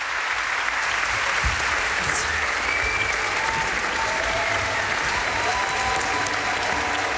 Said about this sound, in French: Les musiciens qui sont très applaudis ici dans le domaine 2 à Montpellier. On est un petit peu à côté de Montpellier.